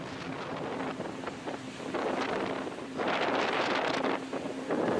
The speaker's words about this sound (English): I was surprised birds want to live there at all, because the wind and rain was like none I had ever experienced.